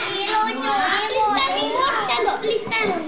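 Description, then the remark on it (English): A group of kindergartners in Indonesia chatter and call out over one another while eating a free lunch of fried chicken, rice, tempeh, mixed vegetables and watermelon, a continuous, lively babble of high-pitched voices, with no single voice standing out for long. “This includes the lunch served to this group of kindergartners you're listening to now.”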